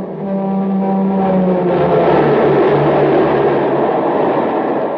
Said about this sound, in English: Man, that train is really traveling now because it's supercharged with super fuel.